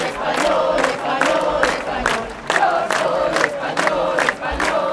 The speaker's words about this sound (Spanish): Entre banderas de España y gritos de Pedro Sánchez dimisión, miles de personas han participado también aquí en una protesta respaldada por Vox y el Partido Popular.